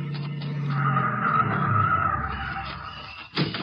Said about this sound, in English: Here comes a couple of cars. Go on.